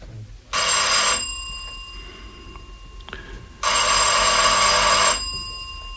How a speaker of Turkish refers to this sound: Evet, zil çal bakalım.